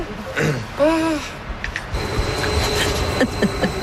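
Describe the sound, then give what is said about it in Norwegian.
A train rolling past: after a brief tonal call, a steady rumbling, clattering noise builds and holds, with a thin high whine running over it and occasional sharp clanks. “Nå kommer toget da.”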